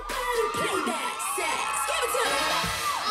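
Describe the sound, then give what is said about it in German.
A crowd of many female friends cheers and whoops continuously, with high-pitched shouts and squeals rising over a steady, loud roar of applause-like noise for the whole stretch, as a contestant enjoys her moment in the spotlight in the first round. “Unter dem Jubel vieler Freundinnen genießt sie ihren Moment im Rampenlicht.”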